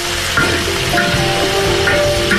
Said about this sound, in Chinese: 鸭肉切块，放入油锅中快速煸炒